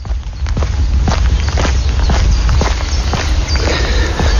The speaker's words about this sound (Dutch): Dit zijn mijn voetstappen tijdens mijn rondje polder. Ja, dat haalde ik er wel uit. Eerst dacht ik van, is het een babyhartslag? Maar ja, voetstappen.